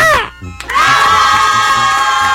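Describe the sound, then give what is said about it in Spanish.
A loud crowd cheers and whoops as a birthday greeting, a brief burst that dips for a moment, then swells into a steady, sustained roar of voices with applause that continues to the end. “Da un aplausote para ti, compadre.”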